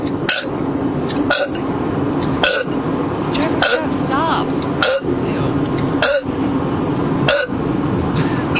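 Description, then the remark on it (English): A woman's voice in a recorded voice message repeatedly imitates burping, producing about eight short, forced belch-like grunts at a steady rhythm, loud, with a slightly compressed, phone-recorded quality. “That wasn't really a burp.”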